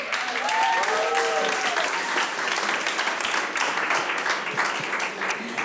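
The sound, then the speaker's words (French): An audience at an awards presentation applauds steadily for several seconds to recognize those who make the gatherings possible, a dense wash of clapping that holds an even level throughout, with a few faint whistles or cheers rising briefly near the start. “Alors aujourd'hui, je suis venue remettre l'award du meilleur invité, mais avant, j'aimerais aussi qu'on prenne quelques secondes pour reconnaître et applaudir toutes ceux et celles qui rendent ces rencontres possibles.”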